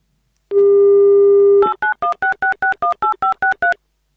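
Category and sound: signal or alarm, telephone number being dialed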